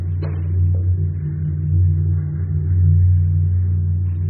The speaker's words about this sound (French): C'est un bateau qui vient de passer au-dessus. Ça, c'est un bateau? Oui, on a tout le poids de la scène au-dessus, c'est pour ça que le couloir dans lequel on marche est une structure circulaire. Comme un tuyau, quoi.